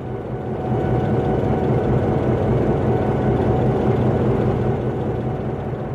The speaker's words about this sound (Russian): Как работают двигатели? Оба двигателя работают устойчиво. Можете дать максимальные обороты на винты? Могу.